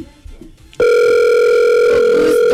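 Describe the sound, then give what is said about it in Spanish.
A steady telephone tone, as a call is being placed, starts abruptly after a brief quiet stretch and holds loud and unbroken to the end, with faint background murmur before it begins. “Vamos a llamarlo. ¿A quién? A un amigo, espérate.”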